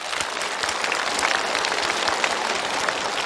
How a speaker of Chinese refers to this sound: 这就是一个有尊严的父亲，我们为他鼓掌。